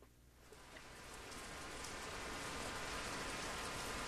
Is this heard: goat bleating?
no